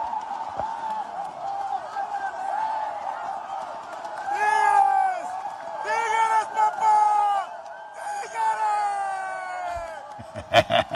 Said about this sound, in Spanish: Griterío es ensordecedor.